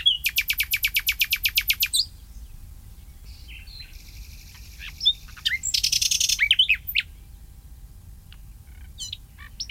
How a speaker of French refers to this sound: juin, là, l'été arrive et le rossignol va se taire. Parce qu'il est arrivé début avril. Dans la première décade d'avril, toute la fin avril et le mois de mai, on l'a beaucoup entendu. Et puis ça se calme un petit peu maintenant, c'est un peu normal.